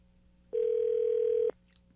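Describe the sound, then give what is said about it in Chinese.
A single steady telephone ringback tone, about a second long, sounds clearly over quiet line hiss before cutting off as a radio show's call to a cruise line vice president connects, with no talking. “好，电话通了。”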